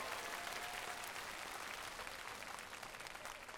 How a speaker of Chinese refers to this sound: 来，掌声再一次给他们。 谢谢两位的表演。